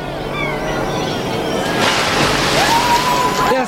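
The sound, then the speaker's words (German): A crate is thrown into a river partway through, splashing in with a sudden burst of churning, sloshing noise over a steady watery background and faint vocal sounds. “Werft die Kiste da drüben in den Fluss.”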